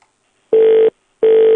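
Two identical telephone line tones, each a steady, fairly low-pitched beep lasting about a third of a second, separated by a short pause, as a phone number is tried that does not get through. The tones are loud, with no voices.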